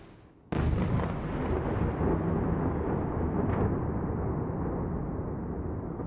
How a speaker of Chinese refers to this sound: 基辅7日凌晨遭到弹道导弹袭击，上空传出多阵爆炸声，大批民众躲入地铁站避难。